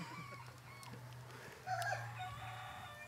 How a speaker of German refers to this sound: ich übergebe dir voller Liebe und Dankbarkeit diesen Hahn wieder.